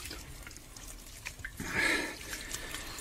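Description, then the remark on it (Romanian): Water sloshes and pours briefly in a single soft burst as water is poured and drunk, with a few faint drips before and after, fairly quiet, with no talking. “Bea și tu.”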